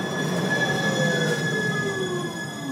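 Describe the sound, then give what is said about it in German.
A line 27 tram rolls past through the Maxvorstadt district of Munich with a steady rumble while its wheels let out sustained, high metallic squeals against the rails, loud and continuous throughout, with no voices. “Wenn an einem sonnigen Sommertag die Fenster der Wohnung sperrangelweit offen stehen, höre ich die 27er durch die Maxvorstadt schnurren.”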